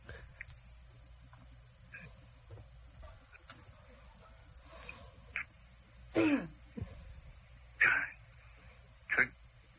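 A man coughs and clears his throat in three short, harsh bursts spaced a second or so apart, fairly loud against quiet, faintly noisy surroundings.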